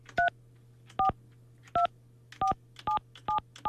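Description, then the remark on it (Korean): Seven short telephone keypad beeps, dual-tone dialing pressed one after another at a steady, slightly uneven pace, clear over a low constant hum, with no one speaking, as someone dials a phone call. “마지막으로 이분에게 한번 제가 전화를 한번 해보도록 하겠습니다.”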